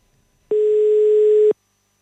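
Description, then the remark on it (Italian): A single steady electronic telephone ring tone lasting about a second, loud and clear, starting and stopping abruptly with silence around it and no voices; a call being placed by the radio station Radio Selene. “È un telefono che squilla.”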